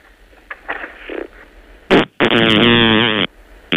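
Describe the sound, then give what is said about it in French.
A frog farts loudly: a short sputtering burst followed by a long, buzzing, drawn-out blast lasting about a second, preceded by faint rustling and soft squeaks, with no talking. “La grenouille a pété.”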